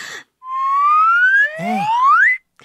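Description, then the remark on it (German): A clear, sweet whistle tone is blown on a Karma whistle and slowly glides upward in pitch for about two seconds, joined by a second rising note near the end, loud with no talking. “Man kann darauf pfeifen. Die Karma-Pfeife hat einen wunderschönen Ton.”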